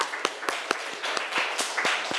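A group of people clap together in a dense, irregular patter, with sharper individual claps standing out about every quarter second. The applause is steady, moderately loud, and has no talking over it.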